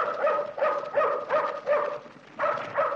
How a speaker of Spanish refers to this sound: Una sombra que avanza hace ladrar al perro de Reina, que sentada en la escalera de su carro lo detiene rápidamente.